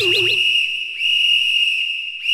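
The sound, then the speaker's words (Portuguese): A referee's whistle blows loud in long, shrill, steady blasts: two sustained blows back to back, with a third just starting as the sound ends. “Apito árbitro da Móveis Estrela.”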